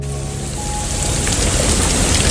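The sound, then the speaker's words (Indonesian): Steady rain falls in a dense, even hiss, spattering on surfaces and swelling slightly louder toward the end, with no voices present. “Kok hujan?”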